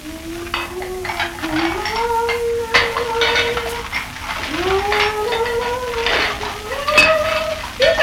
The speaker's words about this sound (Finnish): No johan tässä tulee ilmankin kuuma tiskatessa.